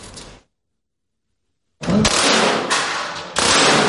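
Sharp, loud gunshots crack in quick succession indoors at the shooting range of a veteran's own sports club, each blast overlapping the booming reverberation of the last, after an abrupt stretch of total silence.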